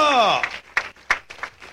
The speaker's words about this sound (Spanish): Un aplauso para el Señor, gloria a Dios, ¡qué tremendo!